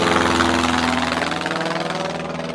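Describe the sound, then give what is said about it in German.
A firefighting airplane opens its sluices and drops a tankload of water on a burning forest; its engine drones steadily and loudly, a rough, continuous mechanical roar with a faint rhythmic pulsing, unbroken for the whole stretch, with no voices. “Als letztes kommt sogar ein Löschflugzeug.”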